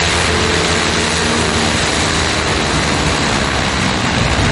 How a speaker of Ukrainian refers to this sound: Ми на тренувальних польотах безпілотника «Адіс». Своєю назвою бомбер завдячує позивному військового 72-ї бригади імені Чорних Запорожців, який з перших днів Великої війни став до строю.